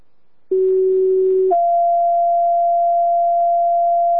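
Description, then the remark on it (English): A fire dispatch paging alert for Hammond Mutual Aid with a medic: a steady low tone holds for about a second, then jumps to a higher, sustained tone lasting several seconds. Both are loud, pure and unbroken, with no talking. “Can you page Hammond Mutual Aid with a medic, please?”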